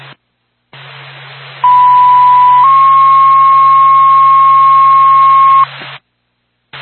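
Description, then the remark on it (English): A fire department dispatch paging tone for NORPAC and the Whitefield Fire Department over a hissy radio channel: one steady pitch for about a second, then a slightly higher tone held for several seconds, loud and clear. “NORPAC, Whitefield Fire Department, stand by for tone.”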